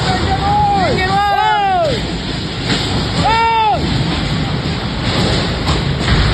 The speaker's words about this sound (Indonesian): Untuk pekerja di kawasan industri di Tanjung Sengkuang, Batu Ampar, Kota Batam, Kepulauan Riau panik saat angin puting beliung menerbangkan atap bangunan pada Rabu siang.